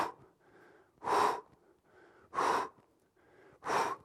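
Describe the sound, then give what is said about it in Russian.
Three loud, forceful exhalations at an even pace, about one every 1.3 seconds, made while raising a straight leg in a leg-raise exercise, each a breathy burst separated by quieter inhales, with no talking. “Здесь мы тоже дышим правильно, поднимая ногу, мы делаем выдох.”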